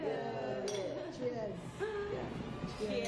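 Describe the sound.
Several glasses clink together in quick succession during a toast, bright ringing chimes, while a group of people talk and murmur in the background.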